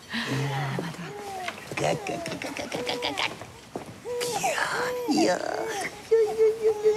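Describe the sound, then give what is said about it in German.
A baby cries and fusses in a series of short, wavering wails, fairly loud, with adult voices talking over and between the cries. “Kinder vergessen zu weinen, wenn sie mich sehen.”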